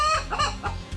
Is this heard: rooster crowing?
yes